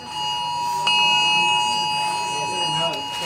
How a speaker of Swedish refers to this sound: Först kom larmet som både tjöt och vibrerade. Någon minut senare kom ett meddelande om att det var ett test.